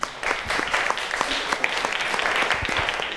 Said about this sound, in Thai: ก็ต้องขอขอบคุณความคิดเห็นของนักเรียนนะคะขอเสียงปรบมือให้ตัวแทนนักเรียนอีกครั้งนึงค่ะ